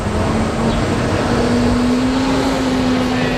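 Steady, loud roar of street traffic on boulevard René-Lévesque in downtown Montreal, with a droning engine hum that swells slightly as a vehicle passes. No one speaks.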